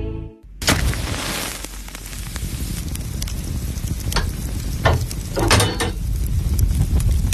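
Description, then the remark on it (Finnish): Water thrown onto a hot sauna stove bursts into a loud, sustained hiss, with sharp crackles and pops flaring through the steady steam roar for several seconds. No one speaks. “Lempeä löylyinen saunan kiuas.”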